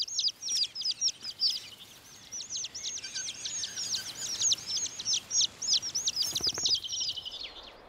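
Thrush chicks chirp at the nest in a continuous run of rapid, high-pitched begging calls, rising and falling in bursts with no voices present.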